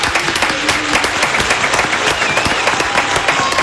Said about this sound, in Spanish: Yo voy a poner de pie también para aplaudir a alguien que ha dedicado toda su vida a la radio. Así que me pongo de pie para aplaudir